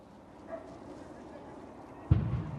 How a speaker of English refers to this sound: Yeah, you might be able to hear another explosion's just gone off here. I think that is that bus that is burning. It's one of the articulated buses, so quite a big vehicle.